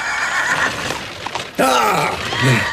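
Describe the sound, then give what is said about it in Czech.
A horse, spooked by a man in its way, whinnies loudly and shrilly, its high neigh rising and wavering over a noisy, bustling background with faint voices. “Nějaký šílenost mi plaší koně, pánové.”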